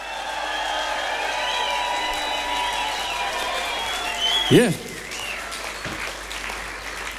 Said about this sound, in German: Plus nochmal an dieser Stelle einen ganz warmen Applaus für die Band heute Abend.